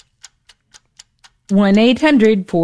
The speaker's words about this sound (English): You hear that clock ticking. That is a reminder that we are running out of time.